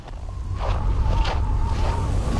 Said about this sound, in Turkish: Burada korkunç bir rüzgar var. Kışın ilerleyen zamanlarında -35 derecede rüzgar sizi döverken su kenarında olmak istemezsin.